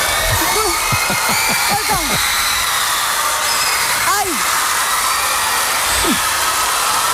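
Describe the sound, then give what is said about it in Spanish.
On the TV show Sorpresa, Sorpresa, presented by Isabel Gemio, a steady, loud wash of shrill screaming fills the whole background without a break as a band surprises a girl, while a voice cuts in with short rising and falling exclamations over it. “Este grito de fondo es todo el rato.”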